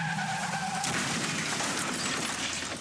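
Car tires squeal in a sharp, sustained skid for under a second as a car drives straight into a fatal crash, then break into a loud, noisy crash that rumbles on. Loud, with no voices.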